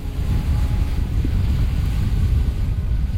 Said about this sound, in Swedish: Vinden uppe på höjden blåser fullkomligt iskall.